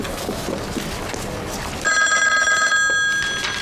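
After a couple of seconds of muffled background noise, a telephone starts ringing loudly, a steady electronic trill that continues to the end.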